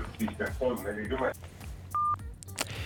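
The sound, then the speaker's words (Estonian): A muffled caller's voice over a phone line to a radio studio fades out, followed by a single short, steady electronic beep as the call drops, with faint clicks and line noise around it. “Nii, jälle katkes kõne ära.”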